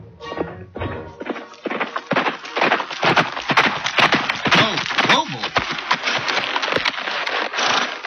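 A horse ridden by Major John Pedrick along the road from Marblehead to Salem, Massachusetts, to sound the alarm. Its hooves clatter in a quick, steady clip-clop, the sharp hoofbeats repeating rhythmically and fairly loudly for several seconds with no voices.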